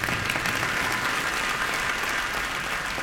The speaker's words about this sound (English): And after you've done everything, you're the last man standing. You can clap for that.